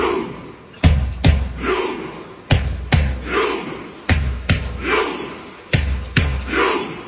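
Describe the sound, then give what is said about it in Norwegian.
Norwegian football supporters do their own rhythmic chant made for the World Cup: pairs of sharp, loud claps or thumps repeat about every one and a half seconds, each pair followed by a drawn-out collective shout from the crowd, as the supporters make rowing motions. “De norske supporterne har liksom funnet på en egen sånn supportergreie til VM som høres sånn her ut.”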